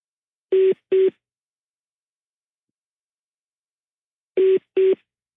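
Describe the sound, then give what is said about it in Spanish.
Telephone line tones from a prank call on the radio show Panda Show to a cellphone that has been switched off: two quick pairs of short, steady beeps, separated by a long silence, clear and alone with no talking. “Ya apagó su celular.”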